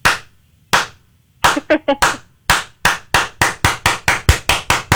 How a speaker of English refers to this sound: Do you want a golf clap or a slow ascending clap?